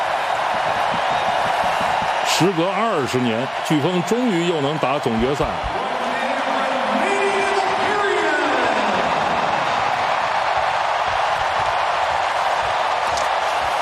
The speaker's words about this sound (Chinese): 现场观众已经开始庆祝了。